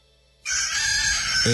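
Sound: rooster crowing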